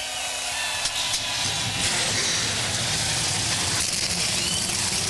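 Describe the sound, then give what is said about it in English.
A dense, steady roar of a field of 38 NASCAR Xfinity Series race car engines starting up together at Darlington Raceway, a thick wall of rumbling, hissing engine noise that stays loud and unbroken throughout, with no voices. “A field of 38 roars to life.”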